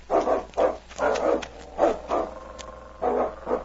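A dog named King barks repeatedly up ahead, about six sharp, full-throated barks in an uneven rhythm with brief pauses between them, fairly clear with no talking.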